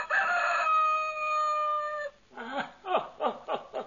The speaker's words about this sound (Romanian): Îl auzi, draga mea soție, pe cocoșul nostru, pe dragul nostru, Alectrio.